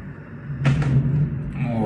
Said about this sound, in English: The explosion sending what appears to be part of an oil storage container into the sky. The columns of smoke over Moscow sending a message to Russians, you're not safe from Ukraine.